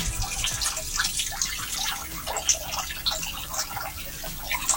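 Water from a street leak at the intersection of Los Carreras splashes and gurgles steadily as it pours into a rainwater storm drain, recorded with the microphone brought close; a continuous bright, bubbly rush with irregular drips and spatters, with no voices.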